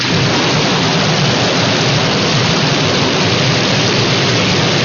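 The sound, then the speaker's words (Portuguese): A thunderstorm sound effect: heavy rain pours in a dense, steady hiss for the whole stretch, loud, with a low rumble underneath and no voices. “Então, ó, se não saiu de casa ainda, pega o guarda-chuva, a sombrinha, porque pelo jeito vai chover na fazenda, viu, meu povo?”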